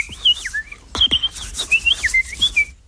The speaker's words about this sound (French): Et j'écoutais les moineaux qui rentraient dans les bambous, là, qui allaient chercher une place pour la nuit. Et il y avait un foin terrible, quoi, ça y allait.